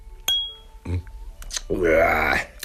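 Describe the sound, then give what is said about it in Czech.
A single bright clink of glasses touching in a cognac toast, ringing briefly, followed by a couple of voices speaking. “Dáš si skleničku? Koňak. Zapijem to. Tak, na další úspěchy.”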